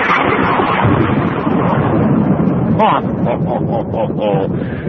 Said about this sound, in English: Check this out. One more time. A big dual thunderclap. Watch this.